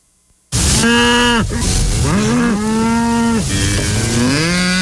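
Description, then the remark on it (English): Several loud, drawn-out cow moos follow one another almost without pause, rising and falling in pitch over a steady hiss of background noise, with no talking. “It means it's time to let the cows out.”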